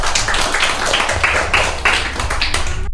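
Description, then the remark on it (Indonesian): A group claps hands steadily for about three seconds, loud, the claps blending into a dense patter with a loose rhythmic pulse before stopping abruptly, applauding friends who have just recited pantun about Malay culture. “Sekali lagi tepuk tangan yuk untuk teman-temannya.”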